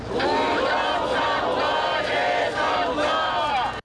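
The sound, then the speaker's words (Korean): A large crowd of protesters chants slogans in unison, calling for a re-election and alleging election fraud, many voices rising and falling in steady, rhythmic swells. The loud, dense shouting carries on without pause, then cuts off abruptly at the end. “시위 초기 재선거를 외쳤던 참가자들. 하지만 며칠 사이 구호가 달라졌습니다.”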